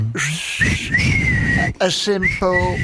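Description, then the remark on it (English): A single loud wolf whistle, whistled into a microphone, slides upward and holds a long bright note, then a man starts talking right after it. “A simple wolf whistle.”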